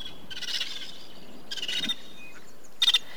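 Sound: vulturine guineafowl calls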